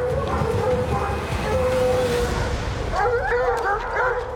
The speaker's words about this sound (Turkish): Ama bugün bir değil iki dağ aslanını birden ağaçların tepesine kovalayan köpeklerine yetişiyor.